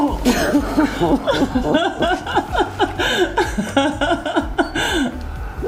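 A woman cries with emotion, close and fairly loud, her voice breaking into continuous wavering sobs with shaky breaths for several seconds over a low steady background.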